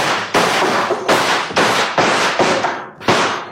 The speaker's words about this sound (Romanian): La comanda mea am descărcat o salvă. Atenție. Foc!